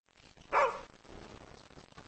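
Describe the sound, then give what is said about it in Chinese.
A single sharp bark from the dog Xiaotiao (小跳), which is in a new home and has just bitten someone, bursts out loudly, then gives way to a low, steady background rumble for the rest of the moment. “我微信里跟你说好了，我没事儿，人马上让狗给咬了。”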